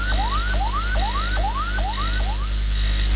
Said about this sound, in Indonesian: Bunyi yang kedua artinya ambulan sedang membawa pasien yang tidak sadar.